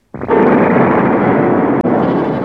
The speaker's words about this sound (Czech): V tu chvíli otřásl hradem mohutný výbuch. Hrad se otřásl v základech a hlavní věž se zřítila.